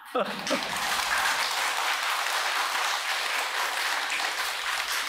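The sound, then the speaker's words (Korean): An audience at a Buddhist dharma talk at Jeongtosa temple breaks into steady applause, the first in the speaker's eight talks that day, dense clapping at a fairly loud level, continuing evenly throughout after a brief voice at the very start. “야, 내가 오늘 여덟 번째 법무인데 여덟 번 만에 처음 나오네 박수 소리가.”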